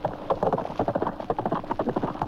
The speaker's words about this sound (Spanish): El noble animal subió a todo galope.